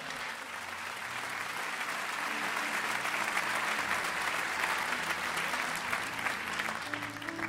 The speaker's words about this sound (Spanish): Alguien diga aleluya. Denle un aplauso a Dios.